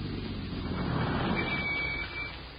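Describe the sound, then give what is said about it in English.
A car's engine rumbles steadily, swells slightly, then eases off toward the end with a faint high squeal, like a vehicle slowing to a stop at a billboard sign. No one speaks. “Slow down, come to a stop at that billboard sign, right?”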